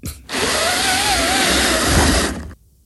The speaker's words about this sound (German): Es ist doch keine Bohrmaschine, auch kein Akkuschrauber. Das ist eines von meinen 5 neuen Plissé-Rollos, die ich an die Fensterscheibe gemacht habe. Und ich ziehe es nach oben. Weißt aber du, meiner klingt zu Hause ganz anders.